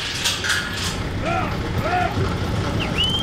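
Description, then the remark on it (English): U.S. Customs and Border Protection officers unlatch a lock on a giant door in the 30-foot, rust-colored border wall between Mexico and Arizona: rattling mechanical clicks give way to a few high, wavering metallic creaks and squeals over a steady low rumble. “Customs and Border Protection officers are unlatching a lock on a giant door built into the towering, rust-colored border wall.”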